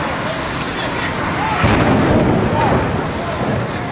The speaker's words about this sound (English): This explosion changed the world forever. Hijacked planes slammed into the Twin Towers. The blue sky turned into a black cloud of dust and ash, leaving nearly 3,000 people dead.